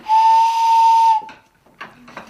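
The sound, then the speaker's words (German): A single pipe taken from the housing of a barrel organ is blown, giving one loud, steady whistling tone with a breathy hiss for about a second before it cuts off, followed by faint clatter and softer airy sounds. “Also die Pfeifen machen aber immer nur jede Pfeife einen Ton.”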